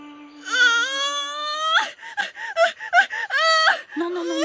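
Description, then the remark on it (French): A pregnant woman in labor on the island of Cozumel cries out in pain with long, wavering high-pitched wails, broken by short gasping sobs in the middle, then a final drawn-out moan dropping lower in pitch. “Ne crie pas comme ça, ma jolie, tu stresses tout le monde. Tout le monde a mal ici, tu vois ?”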